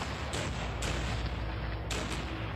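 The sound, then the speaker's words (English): Union cannon and musket fire at Cemetery Ridge, aimed at soldiers marching across a mile of open field, rumbles in a dense, continuous roar, with several sharper reports breaking through at irregular intervals, like a battle raging without pause. “However, as his brave soldiers are forced to march across a mile of open field, Federal cannon and muskets take their toll.”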